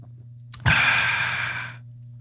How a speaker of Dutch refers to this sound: Rare slurp, hè? Ja, dit is heel raar.